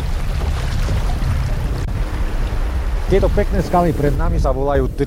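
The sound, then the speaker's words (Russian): A steady, loud rush of river water tumbling over the first low rapids as the current strengthens, with a low churning rumble; partway through, voices begin talking over the continuous flow. “Постепенно течение усиливается, появляются первые пороги, правда, невысокие, а потому не страшные.”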